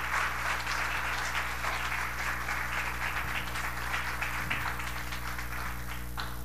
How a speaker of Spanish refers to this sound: Y si Dios te habló en el día de hoy, dale un fuerte aplauso en el día de hoy.